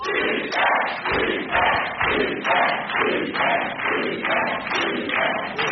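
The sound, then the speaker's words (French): A loud studio audience at a television quiz show cheers and shouts together in rhythmic bursts, roughly twice a second, with thumping beats underneath, like an audience chanting and stamping in unison. “Quelle super ambiance!”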